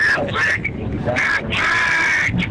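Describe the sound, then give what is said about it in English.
A duck sound effect played for the Aflac trivia question: a run of loud, raspy, nasal duck quacks in quick succession, one stretched into a long drawn-out honk, with no talking over them. “We'll see if we got some duck sound effects there”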